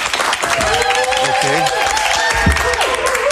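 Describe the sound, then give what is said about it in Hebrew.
A crowd claps steadily and densely for a few seconds, loud, with scattered voices calling out or cheering over the applause: an audience applauding at a comedian's request during a stand-up comedy broadcast about coronavirus. “תעשו לי כפיים שאני ארגיש שיש פה קהל כאילו.”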